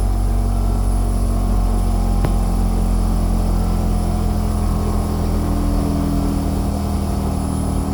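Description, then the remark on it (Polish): An air conditioner's outdoor unit hums steadily while only the bedroom air conditioning is running. A low droning tone with fan whir and faint hiss holds constant throughout, with one brief click partway through and no voices. “No i teraz będzie słychać, jak urządzenie zewnętrzne działa tylko przy uruchomionej klimatyzacji w sypialni.”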